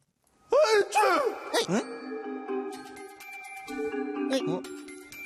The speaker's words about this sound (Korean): 재채기했어? 아, 아니. 근데 재채기 소리가 어디서 난 거지? 제가 좀 감기 기운이 있어서. 남자 목소리 같았는데.